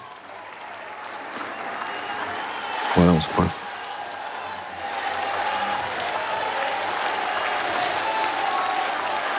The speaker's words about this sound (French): Vous entendez peut-être les cris d'acclamation.